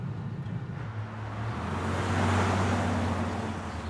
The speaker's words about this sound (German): War das da nicht eben Pauls Bulli?